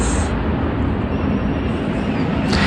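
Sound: attack drones flying overhead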